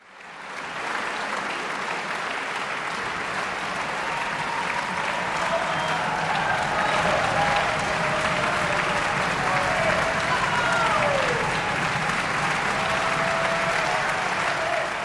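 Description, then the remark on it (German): Enthusiastic audience applause for the string quartet category of the 75th ARD Music Competition at the Prinzregententheater in Munich fills the whole stretch, a dense, steady wash of clapping that holds strong throughout, with a few scattered voices and whoops rising faintly above it. “Bei diesem begeisterten Publikum im Fach Streichquartett.”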